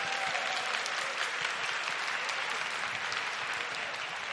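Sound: audience applause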